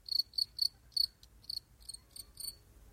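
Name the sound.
cricket chirping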